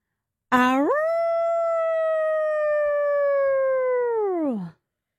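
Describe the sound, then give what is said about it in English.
A boy tucked in bed during a bedtime story imitates a wolf howl: one long, loud howl that swoops up in pitch, holds steady for several seconds, then slides down and fades out, with no other sounds. “howling like a wolf”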